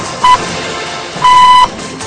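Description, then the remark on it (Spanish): Radio time signal beeps played on a radio news programme just before the main headlines: a short, steady mid-pitched pip followed a second later by a longer tone of the same pitch, both clear and loud over a faint background hiss. “Vamos a estar ampliando la información del tránsito porque ahora suena el top y nosotros vamos a repasar los principales títulos.”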